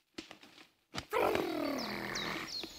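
A few soft clicks and taps, then a bear's drawn-out, throaty growl rumbles steadily for nearly two seconds in front of its den, fairly loud, its pitch sagging slightly like a mournful groan.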